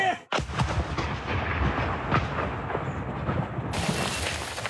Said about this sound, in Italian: Il drone è vicinissimo. I poliziotti sparano una raffica dietro l'altra, per poi riuscire a distruggerlo.